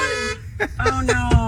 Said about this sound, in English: Yeah, they're bumping the horn while they're in there.